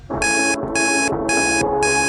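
A loud, shrill alarm beeps in four evenly spaced bursts, piercing, while a song plays steadily underneath it.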